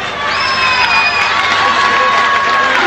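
A crowd applauds and cheers loudly for about three seconds, a dense, steady wash of clapping and shouting with a few high, sustained shrieks or whistles rising above it.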